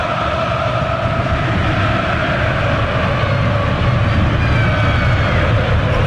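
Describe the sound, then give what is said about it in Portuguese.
A huge crowd of Corinthians football fans in a stadium roars and chants steadily during a match, thousands of voices blending into a loud, unbroken wall of sound with a sung, droning tone throughout. “Mas essa torcida do Corinthians é loucura, hein, velho? Sinta o clima.”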